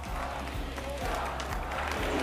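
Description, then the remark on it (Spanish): A large audience applauds steadily in a tribute to María, a dense wash of clapping with cheering voices mixed in and a regular low thumping pulse running underneath throughout. “Y queríamos acordarnos de ella, así que un fuerte aplauso para María, que está viéndonos desde arriba.”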